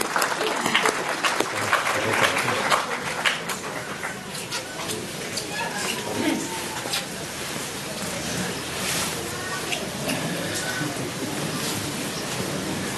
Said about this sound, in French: To the wonderful choir. Et un grand merci pour la chorale qui vient de Ferns et Drobor qui ont contribué à cet Eucharistie. On va les applaudir.